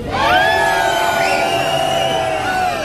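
A concert audience screams and cheers loudly, many high-pitched voices whooping together in a sustained roar that fills the whole moment without pause.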